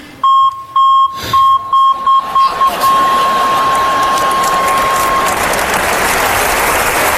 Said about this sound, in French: Je pourrais jamais les oublier, c'est le même bip que le bip de recul sur ma voiture.